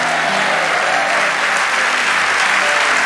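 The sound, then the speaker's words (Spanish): An audience applauds steadily, a dense, even wash of clapping hands that stays loud and constant for the whole stretch with no voices rising above it. “Vamos, dale ese aplauso a nuestro.”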